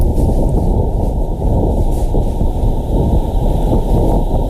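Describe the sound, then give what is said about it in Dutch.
Low, steady roaring wind on Mars during dust storms, recorded by NASA, buffeting a microphone, a dense rumbling rush with no higher tones, constant in strength throughout and heard alone without any voices. “Toen heeft de NASA het geluid van de wind op Mars opgenomen.”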